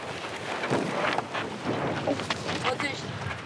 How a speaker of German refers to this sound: Windstärke 4. Zum Windsurfen fast zu schwach.